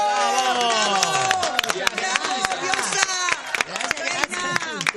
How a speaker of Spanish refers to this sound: Señoras, señores, el aplauso para la señora Carmen Barbieri.